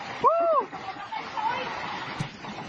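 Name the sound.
rushing floodwater current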